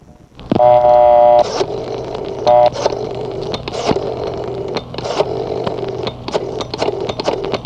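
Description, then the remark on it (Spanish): A telephone is dialed: a loud electronic tone sounds, then a second short one, followed by a steady stream of clicks over a constant rough hum. No one speaks. “Llámela por teléfono.”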